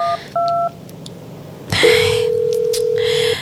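Two short keypad dialing beeps, then a long, steady phone tone that holds unbroken to the end as the call goes unanswered. Clear, with no voices.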